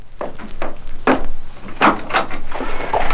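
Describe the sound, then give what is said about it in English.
A front door is unlatched and opened, with a series of sharp clicks and knocks from the handle and frame followed by a creaking rattle, with no voices. “Someone at the door.”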